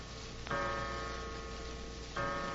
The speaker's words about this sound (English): Suddenly, a clock chimed the hour, an hour that now seemed foreboding, sinister.